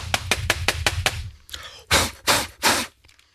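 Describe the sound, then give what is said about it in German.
A keyboard is knocked against a surface about seven times in quick, even taps to shake out bread roll crumbs, followed by a soft wiping sound and three sharp, loud puffs of blowing to clear the crumbs away, at the radio station Ostseewelle. “Tastatur ausklopfen und Brötchenreste wegwischen und wegpusten, damit die Kollegen, die später kommen, dass sie auch noch hübscher haben.”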